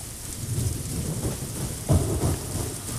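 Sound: rain and thunder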